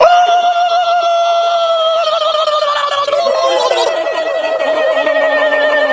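A loud, sustained screeching sound effect with layered, ringing harmonic tones that waver and bend slightly in pitch, holding steady for about six seconds without any talking.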